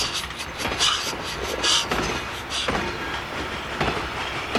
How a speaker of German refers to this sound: rollt eilig in den Bahnhof ein und hält mit sanftem Schwung am Bahnsteig, wo der Herr im schwarzen Anzug schon ungeduldig auf- und abschreitet.